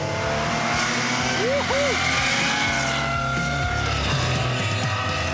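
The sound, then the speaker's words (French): A loud, rasping Porsche flat-six engine with a dense, steady roar, punctuated by two quick rev blips that rise and fall in pitch early on, then settling back into a sustained high-rev drone. “Là, t'as vraiment réussi à sublimer le son du flat 6 quoi.”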